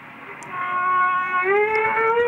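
A humpback whale call: a long, sustained tonal moan rich in harmonics that holds steady, then slides upward in pitch partway through and stays loud to the end, with no voices.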